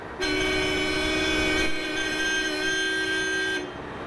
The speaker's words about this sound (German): Ob die Hupe jemand hört hier am Flughafen? Egal, ist Vorschrift.